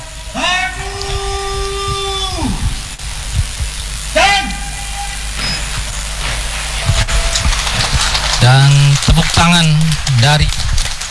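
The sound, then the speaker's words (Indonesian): Steady, dense crackle of crowd applause from spectators in the VIP grandstand and the stands behind runs through the whole stretch, loud and unbroken, while a voice talks over it in several bursts, as the Paskibraka troop finishes raising the duplicate flag at a ceremony. “tepuk tangan dari para tribun VIP dan tribun di belakang kami menjadi suatu kebanggaan karena menyelesaikan ya para Paskibraka ini menyelesaikan pengibaran duplikat benderanya di tengah-tengah masyarakat,”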